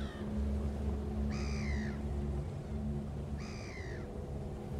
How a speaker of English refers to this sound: The deep laughing cry of the great black-backed gull is a haunting call and will send a chill down anyone's spine that dares to listen.